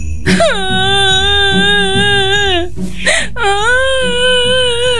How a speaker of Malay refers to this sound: Eh, kenapa menangis? Kan baru beli baju baru, senanglah.